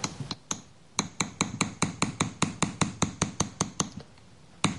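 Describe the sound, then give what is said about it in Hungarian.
A small hammer taps metal in a quick, steady rhythm to smooth a chased acanthus leaf cluster, each strike sharp and bright with a short ringing edge, fairly loud, after a few slower opening blows. “Itt látható, hogy a baloldali akantuszlevél csokor már szép fényes lett kalapálva némelyik része.”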